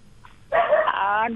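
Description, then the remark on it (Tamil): A dog in the background gives a single drawn-out, fairly loud bark that stretches almost a second, preceded by a brief faint yip, with no talking over it. “என்ன சாப்பிட்டீங்கன்னு சொல்லும் போது நாய் பின்னாடி குலைக்குது.”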